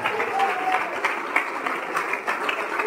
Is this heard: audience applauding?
yes